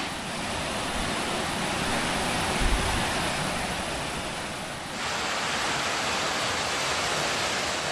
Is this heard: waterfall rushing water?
yes